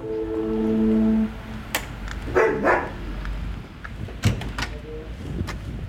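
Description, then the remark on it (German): Dogs make noise at a door: a sustained whine-like tone at first, then a short burst of barking, with sharp door clicks and rattles in between. “Ja, ich wollte die Hunde nicht verschrecken.”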